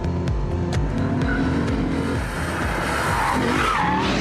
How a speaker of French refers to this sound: aller voir comment ça se passe dans les virages serrés. Oh, le freinage, il est juste diabolique. C'est impressionnant.